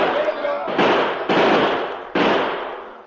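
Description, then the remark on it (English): Gunfire: three loud, sharp shots at irregular intervals, each blast trailing off into a long, ringing decay over a steady background noise. “Pour lead into them, men.”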